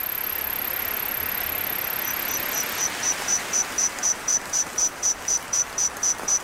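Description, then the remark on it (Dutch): Reconstructed insect chorus of crickets and grasshoppers from 165 million years ago, produced by English and Chinese scientists from fossil remains: a thin, very high continuous whine gives way to steady, evenly spaced chirps, about three per second, clear over a soft hiss, with no voices. “165 miljoen jaar geleden heeft er een rijk en gevarieerd koor van krekels en sprinkhanen geklonken.”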